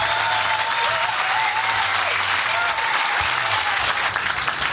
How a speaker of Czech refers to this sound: Já vám děkuji za váš potlesk.